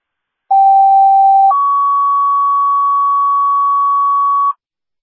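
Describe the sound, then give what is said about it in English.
Dispatch pager alert tones from Geneseo dispatch, a second page for an ambulance to 203 Clayton Heights: a steady lower tone held for about a second, then a slightly higher tone held for about three seconds, loud, clean and with no voices. “First Dispatcher Geneseo, second page for the unstatus ambulance, 203 Clayton Heights for the party 4.”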